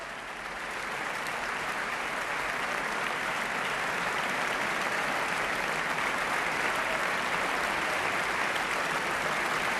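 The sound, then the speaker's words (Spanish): Sustained applause from a concert audience for the horns and Wagner tubas of an orchestra, a dense, steady wash of clapping that swells in over the first second and holds at an even level throughout, with no voices rising above it. “Aplausos para las trompas y las tubas wagnerianas precisamente en este momento.”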